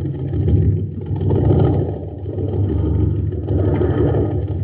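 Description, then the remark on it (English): A jet boat engine, the Shooting Star at an aqua jet boat race on Mars, running on ordinary fuel, chugs along weakly, a steady low rumble that swells and sags slightly without ever picking up speed. No one speaks. “Gang, this is Captain Dick Tufeld at an aqua jet boat race on Mars.”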